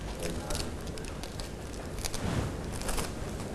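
Paper crinkles and crackles as it is crumpled by hand to make fish scales in a children's craft activity, a steady run of irregular rustling bursts, continuing for a few seconds with no speech.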